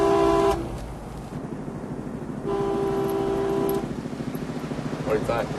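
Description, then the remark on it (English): Two car horn blasts over steady road and engine noise: a brief honk right at the start, then a longer sustained one a couple of seconds later, both loud. “Go like this. Maybe they'll honk back at it.”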